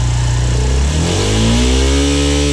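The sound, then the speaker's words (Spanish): A Suzuki DR160X motorcycle engine starts and rumbles loudly as it warms up, then revs, its pitch climbing steadily and holding at a higher, buzzing drone. No voices, just the continuous engine. “Miren, y así suena la DR160X.”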